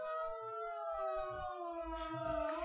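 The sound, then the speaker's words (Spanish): Sirens wail steadily throughout, a sustained rising-and-falling tone with layered harmonics, from an ambulance and a police patrol car racing at full speed along an airport runway toward a newly arrived plane, with low rumbling engine noise underneath and no talking. “El ulular de las sirenas anuncia la presencia de una ambulancia y una patrulla que avanzan a toda velocidad por la pista del aeropuerto hacia el avión recién llegado.”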